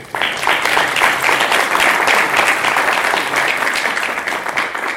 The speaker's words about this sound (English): I believe the first thing is to thank our keynote speaker. Sure. Can you please clap?